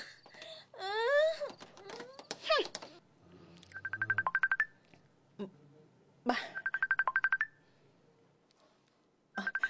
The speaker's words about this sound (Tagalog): Si Carl, nagpanawag sa cellphone ko. Sabton ko.